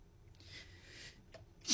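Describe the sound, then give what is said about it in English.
A breathy drawn-in gasp followed by a sharp, hissy burst of a sneeze at the very end, fairly quiet, with no talking. “Bless you.”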